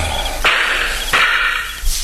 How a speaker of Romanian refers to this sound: S-a tras! Da, e adevărat, Pintea! Patru focuri! S-a tras din două părți!